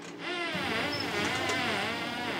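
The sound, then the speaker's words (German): A continuous buzzing drone of porpoise echolocation clicks recorded underwater by researchers in Kertemünde with a hydrophone, the clicks so rapid they merge into a wavering, insect-like buzz that holds steady at moderate loudness for over two seconds. “Das sind die Echoortungsklicks. They come so fast that it sounds like a sequence.”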